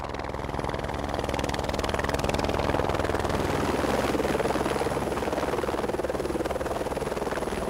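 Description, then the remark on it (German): A helicopter delivering food and drink carried inside its cabin; its rotor thumps steadily and loudly, a dense, rapid chopping over a constant engine roar that holds at full strength for the whole stretch with no voices. “Dann der Helikopter bringt die Innenlast, also das heisst, er hat einfach die Ware, die er bringt, Essware ist das und Getränk, und die bringt er innerhalb vom Helikopter, wegen der Temperaturen, kann er das nicht unter Last fliegen, ja.”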